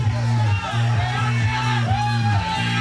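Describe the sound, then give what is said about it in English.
A loud crowd of 36 people surrounding a game of Techno Ball shouts and chants together in steady, rhythmic bursts, filling the space continuously without pause. “we see them in the distance, and there's a crowd of 36 people surrounding the game.”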